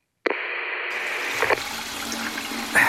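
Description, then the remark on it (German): A toilet flush starts abruptly and keeps rushing steadily without stopping, a continuous hiss of running water with slight surges near the end. “Die Klospülung lässt sich auf der Toilette irgendwie nicht stoppen.”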